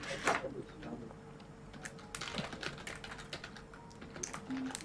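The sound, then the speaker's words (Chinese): Rapid, irregular, fairly crisp clacking of keys on a computer keyboard as a comment is typed, with uneven bursts and brief pauses over a faint background murmur. “但是我们虽然发现了这个 bug， 还是要打字说哇，连痣都一模一样。”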